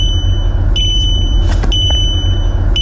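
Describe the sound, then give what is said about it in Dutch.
A car's driver-attention warning beep, set off by the camera-based eye-monitoring system even when the driver looks straight ahead: a shrill, steady electronic tone that briefly breaks and shifts a few times, sounding over constant low road and engine rumble. No one speaks. “Ja, tegenwoordig kun je veel piepjes uitzetten met 1 druk op de knop.”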